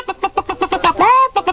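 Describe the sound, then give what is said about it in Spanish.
An old hen, being put into Professor Botas Nozzle's youth machine, clucks in a quick, steady rhythm, breaks into a drawn-out rising squawk, then resumes short clucks; fairly loud, with no talking. “Pongo dentro de este lado una vieja gallina.”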